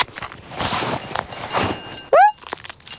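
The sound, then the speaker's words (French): Toudou rummages through his backpack: a couple of seconds of rustling, shuffling bursts, then a short, loud rising squeak like a zipper or toy whistle, and a few softer rustles after. “Alors Toudou fouille farfouille dans son sac à dos.”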